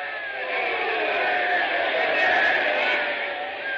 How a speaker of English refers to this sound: Ladies and gentlemen, I see the St. Louis manager is up out of the dugout, and everyone is screaming and yelling.